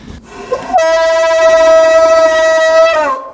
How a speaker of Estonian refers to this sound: Seal kõik need udupasunad ja kellad veel kõik, noh need seda tõmmatakse kogu aeg siin, et see, noh seda jälle. See on põhiasi, et seal taga on ja need udupasunad, need on kaks tükki on siin erinevat.